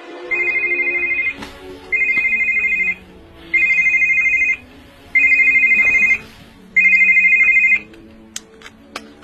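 A mobile phone that has just been switched on rings, five evenly spaced electronic bursts with short gaps between them, steady and fairly loud, with no one speaking.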